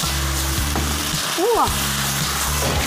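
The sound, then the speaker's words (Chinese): Vegetables with scallion, ginger and garlic sizzle steadily as they are stir-fried in a wok, a constant loud frying hiss over a low droning hum, with a brief squeaky scrape about halfway through. “这儿扒了一下子，这一炒那葱姜蒜那个味儿才能出来，还行了。”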